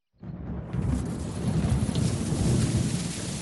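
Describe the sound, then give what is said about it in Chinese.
Steady light rain pattering on glass roof tiles in the evening, a dense continuous hiss that swells in after a quiet start, with a deep low rumble running underneath and no voices. “到了第三天傍晚，外面下起了雨，雨不大，雨滴子敲打在玻璃瓦上。”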